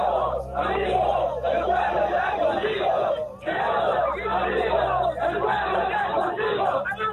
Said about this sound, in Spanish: Informarte que la gente ha venido a escuchar las palabras de nuestro presidente. Afuera hay una gran cantidad de gente que en este momento se ha personado, está gritando, está llorando la gente.